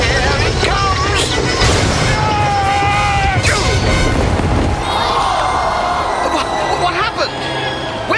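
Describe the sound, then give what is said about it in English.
A horse-drawn chariot slams into a turning post and breaks up with several sharp, heavy crashes and rumbling clatter, while a huge crowd roars continuously throughout. “His chariot hit the turning post.”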